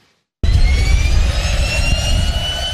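A Cessna Caravan turboprop engine drones loudly in flight, heard from the co-pilot seat inside the cabin of an experimental plane flown by artificial intelligence, with a deep rumble and steady high whining tones. The sound cuts in abruptly after a brief silence.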